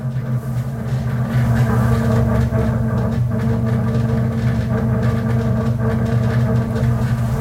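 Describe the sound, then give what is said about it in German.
A steady, loud low rumble and hum of a train pulling out of Stadion station in Warsaw, with strong low-pitched engine drone and faint rattling on top, with no talking. “So, wir verlassen jetzt die Station Warschau Stadion.”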